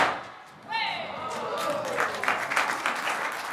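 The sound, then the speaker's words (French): A dense, continuous crackle of firecrackers popping for several seconds, with a brief whistling tone sliding down early on and sharper snaps scattered through the steady rattle. “Donc, puis-je entendre les pétards?”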